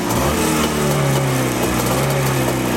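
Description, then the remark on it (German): An old vintage motorcycle engine, started after opening the fuel tap and flooding the carburettor, runs at a steady idle, a loud, continuous low buzzing drone with a faint rhythmic throb and no voices over it. “Dann dürfte er eigentlich laufen. Und da ist er da.”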